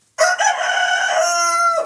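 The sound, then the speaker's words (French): A single loud rooster crow rings out, a sustained harmonic cock-a-doodle-doo lasting well over a second and a half before cutting off sharply. “Coq, oui. Coq.”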